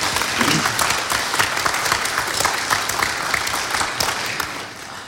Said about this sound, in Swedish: Vi ger dem en applåd, hörni.